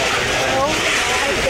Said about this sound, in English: You may not be able to tell, but that could be the happiest sound on earth. It's a husky dog rolling in a kiddie pool filled with ice in Arizona during triple-digit temperatures.